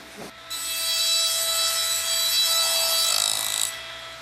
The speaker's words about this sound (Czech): V Tyrolsku se Swarovskému daří skvěle. V továrně sviští už ne jeden, ale čtyři brusné stroje.